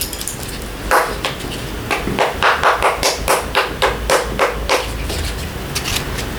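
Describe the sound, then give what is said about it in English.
Chopsticks strike household objects in a run of sharp, dry taps, a few scattered hits and then a quick, fairly even rhythm of clicks and knocks, with no talking. “You'll notice I have chopsticks for striking things.”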